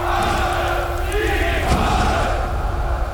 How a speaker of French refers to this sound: Une foule incroyable s'est mise en route. Venant de partout, des colonnes d'hommes et de femmes au coude à coude s'avancent en brandissant des petits drapeaux rouges à croix gammées